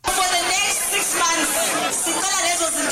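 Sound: crowd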